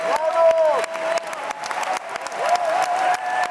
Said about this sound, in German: Welch ein erfreulicher Abend. Publikum glücklich und jubelnd, Künstler strahlend.